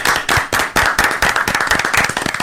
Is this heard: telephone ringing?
no